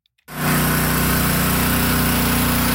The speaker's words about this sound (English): Now, the drone of generators took over the flood-ravaged town of Minnetonas.